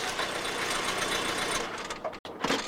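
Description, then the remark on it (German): A car engine chugs with a steady, rattling rumble as the Lord's car drives up, then eases down and cuts out abruptly, followed by a brief final burst of noise. No voices. “Wenig später fuhr der Lord mit seinem Auto vor.”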